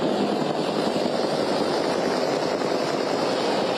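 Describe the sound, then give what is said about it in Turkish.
A loud, steady roar of Super Cobra attack helicopters flying very close to each other and passing directly over visitors during a demonstration flight show, a dense, continuous engine and rotor rumble with no voices. “Tam üzerinden geçecek ziyaretçilerin Süper Kobra helikopterler şu anda.”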